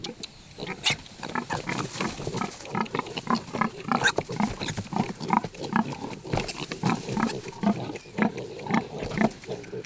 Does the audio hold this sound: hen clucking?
no